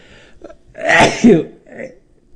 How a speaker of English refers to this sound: Sorry, I had to sneeze.